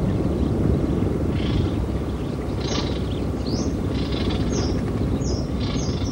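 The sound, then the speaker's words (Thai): Baby birds call in repeated short, high-pitched cries, sometimes rising or falling, over a steady low rumbling background, in a Melaleuca (paperbark) forest around April, when many kinds of birds nest and raise newly hatched young. The calls come in irregular bursts and no one speaks. “ราวเดือนเมษายนฝูงนกนานาชนิดเริ่มเข้ามาทำรังวางไข่และเลี้ยงลูกน้อยที่เพิ่งถือกำเนิดขึ้นมาเสียงร้องของลูกนกปลุกให้ป่าเสม็ดที่เงียบเหงากลับมีชีวิตชีวาขึ้นมาอีกครั้งหนึ่ง”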